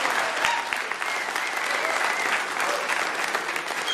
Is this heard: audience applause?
yes